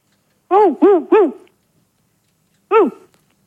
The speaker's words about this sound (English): Je crois qu'ils ont un chien, dis-moi. Ils ont un chien. Oui, mais enfin, c'est bizarre. C'est le chien qui a décroché le téléphone.